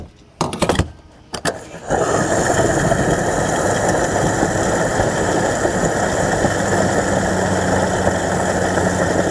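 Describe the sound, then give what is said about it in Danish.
A car being refueled at a fuel pump: a few quick clicks and rattles of the nozzle, then a steady whirring hum of fuel flowing that continues unbroken to the end. “Ja, hvis du ikke allerede har regnet den ud, så er det altså lyden af en bil, der bliver tanket op.”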